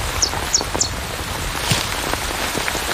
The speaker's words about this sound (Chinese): 雨下得更大了，雨滴顺着树叶滑落，淋湿了巢中的欧戈东雏鸟。